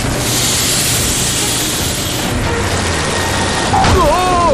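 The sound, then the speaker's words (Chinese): A car engine rumbles and sputters in a steady, loud, rough noise, and near the end a warbling, springy tone suggests the car bouncing along on tyres that have turned into balls. “开什么玩笑，这次车都在突突跳。”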